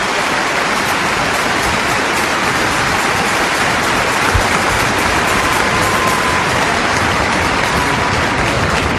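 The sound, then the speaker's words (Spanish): A large church crowd claps steadily and loudly for several seconds in applause for the Lord, a dense, sustained wash of applause with no voices standing out. “Así que démosle un verdadero aplauso a aquel que realmente se lo merece.”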